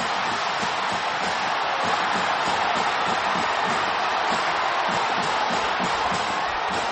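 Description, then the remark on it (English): A huge crowd at Michigan Stadium roars continuously in a dense, steady wash of cheering and shouting that holds at a loud, even level for several seconds after a Broncos touchdown catch by J.J. Buchanan in the end zone, with no single voice standing out. “Yeah, yeah, no, and that's where, as you pointed out, you let it sit, you let it, the crowd, the pitcher speak for itself, and look, that is, it was still great.”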